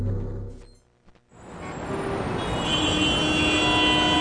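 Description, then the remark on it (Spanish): A brief low rumble cuts out, then a steady wash of road traffic noise rises and holds, dense and fairly loud, with faint tonal whines riding on top. “Uf, otro día de tráfico.”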